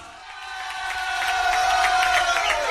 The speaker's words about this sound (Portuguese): Didi, palmas. Palmas pro Didi.